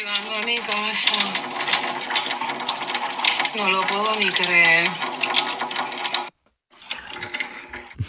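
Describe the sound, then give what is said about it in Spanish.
Water rushes steadily from a tap at a home as the water supply returns, a loud hiss while a voice talks excitedly over it; the flow cuts out briefly, then gushes again. “Y hizo este comentario y se escucha el chorro. Me acaba de llegar el agua, llegando a mi casa.”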